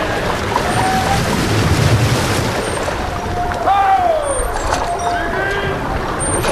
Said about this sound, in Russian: Дантес, к нам идет лодка. Господин Дантес. Ого, в лодке сам господин Морель.